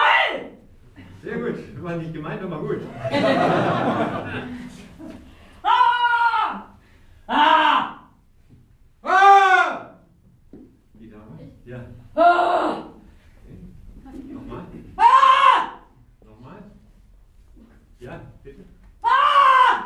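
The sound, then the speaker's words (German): Participants in a scream workshop let out a series of loud, drawn-out screams and yells, one burst after another at irregular intervals, with some murmuring and breathy noise between them. “Angebotene Kurse reichten vom Schreib- bis zum Schrei-Workshop.”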